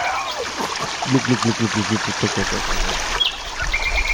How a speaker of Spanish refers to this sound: El agua cae, el agua. Agua fresquita con el calor ya que va llegando. De la falda de Santa Lucía cae el agua.